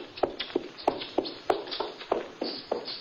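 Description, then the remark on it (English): Hurried footsteps of a man practically running as he leaves beat out a quick, steady rhythm, about ten sharp hard-soled steps in three seconds, each with a crisp click, with no voices over them. “He was practically running when he left.”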